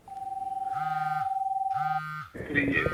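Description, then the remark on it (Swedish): A Rakel radio terminal used by rescue services beeps loudly as an alarm comes in: a steady electronic tone with two buzzy, pulsing bursts layered over it, cutting off into rough, noisy handling sounds. “När larmet går så piper den här då och låter väldigt högt.”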